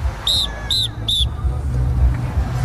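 Three sharp, high whistle blasts in quick, even succession, a traffic controller's signal at a street crossing, sounding over a steady low rumble of street traffic.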